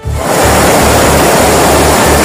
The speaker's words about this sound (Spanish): Sí, la situación es especialmente complicada en el área de Barcelona, sobre todo en municipios como L'Hospitalet y Cornellà, donde la lluvia ya ha superado los 150 litros y hay calles y coches inundados. Este es el sonido a esta hora.